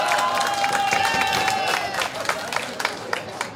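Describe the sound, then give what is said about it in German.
A crowd in a marketplace applauds the priest steadily, dense clapping with scattered louder claps and a few cheers, a sustained high whistle-like tone fading partway through. “Oh, da gibt es schon Applaus, bitte.”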